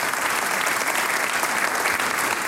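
A steady wash of audience applause, many hands clapping densely and evenly at a constant loud level throughout, with no voices standing out.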